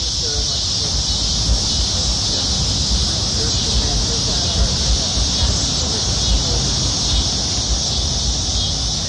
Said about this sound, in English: Cicadas and summer in downtown Springdale. Another installment of our summer soundtrack.